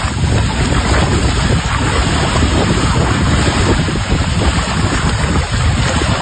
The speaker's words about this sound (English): I have shared a post from the Lake Diefenbaker Tourism Group, along with the Water Security Agency at Lake Diefenbaker, with video of the water flowing. The Gardner Dam spillway opening up yesterday.